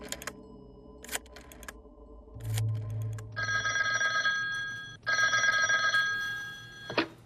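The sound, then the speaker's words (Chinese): A few sharp clicks and a low hum, then a telephone rings in two long, loud, shrill bursts separated by a brief gap, as Zeng Zesheng calls Hu Yan, commander of the 544th Regiment. No one speaks. “曾泽生听了，立刻给五四四团团长胡燕打电话。”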